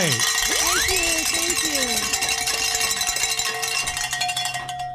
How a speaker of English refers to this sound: I've got some good news here. Ring some bells. Hey, all right.